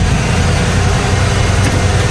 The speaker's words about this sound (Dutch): Mocht jij die vrachtwagen horen voorbij komen, midden in een plaat of tussen twee platen door, mag je even appen.